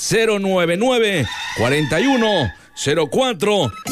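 A rooster crows loudly, three long, strained cock-a-doodle-doo calls in quick succession, each rising and then falling away, with no talking over them; played on the radio station Sononda at 4:49 in the morning.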